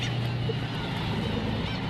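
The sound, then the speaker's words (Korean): A dense, continuous din of a colony of more than ten thousand black-tailed gulls on an island calling at once, overlapping honking and crying cries forming a steady wall of noise with no pauses, loud throughout. “네, 여기만 대략적으로 만 마리 이상의 굉이갈매기들을 지금 보고 계십니다.”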